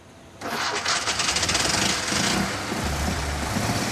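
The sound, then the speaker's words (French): A small car's petrol engine starts abruptly with a loud burst, then keeps running with a rapid, rattling chug like a petrol lawnmower, settling into a steady, buzzing idle with a low hum underneath. “C'est ce qu'on entend quand quelqu'un tond sa pelouse avec une tondeuse à essence.”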